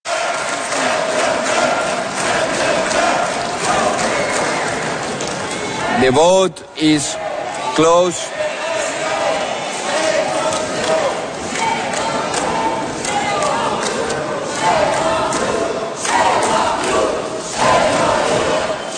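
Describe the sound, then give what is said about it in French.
A loud, sustained uproar of parliament members booing and shouting after a vote in Europe, right and far-right members shouting "send them back" and left members answering "shame on you", with a brief announcement from a single voice partway through before the clamor swells again. “les huées qui ont accueilli ce vote, parce que c'est quand même rare qu'on est témoin de ce chahut dans un Parlement”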